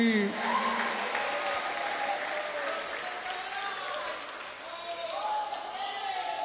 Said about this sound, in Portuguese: Quem aplaude a Jesus e dá glória a Deus aí.